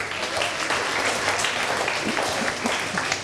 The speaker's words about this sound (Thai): ปรบมือเพื่อนหน่อยเร็ว